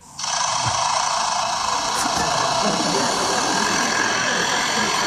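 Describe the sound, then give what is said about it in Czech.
A lyrebird at a zoo mimics the construction machinery used to repair its aviary, producing a loud, steady mechanical whirring and buzzing drone, like an engine or power tool running continuously, with a brief higher whine partway through. “Konkrétně je ukázka z jedné zoologické zahrady, kde pár dnů opravovali tomu Lirochvostovi voliéru. A po té opravě si ten Lirochvost každý ráno takto prospěvoval.”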